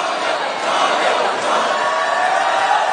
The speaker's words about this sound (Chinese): 现场的欢呼声大大提升士气。